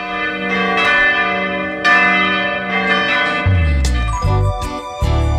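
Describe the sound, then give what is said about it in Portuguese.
Church bells ring out loudly, several overlapping strikes with long shimmering tones that blend into a continuous, resonant peal, lower bells joining in toward the end. No voices are present. “É o dia que vai se apresentando, quando no badalar dos sinos também vamos aqui para mais uma atração do programa.”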